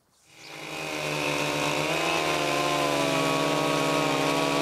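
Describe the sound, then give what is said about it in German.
A chainsaw starts up and settles into a steady, loud whine as it makes a relief cut into a log, its pitch dipping slightly mid-cut under load before holding constant, with no talking. “Jetzt machen wir den sogenannten Entlastungsschnitt”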